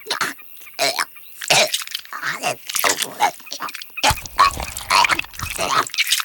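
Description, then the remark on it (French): A barn owl regurgitating a pellet: a close series of wet, hoarse retching and hacking bursts, irregular and rapid, with short gagging pauses between them over several seconds. “Oh, c'est dégoûtant, la chouette vomit.”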